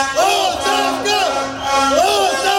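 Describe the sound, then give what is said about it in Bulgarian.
A loud protest crowd marching through the town centre chants "resignation" in unison, the same two-beat slogan rising and falling in steady repeated waves of massed voices. “Протестът премина в шествие по центъра на града с викове оставка.”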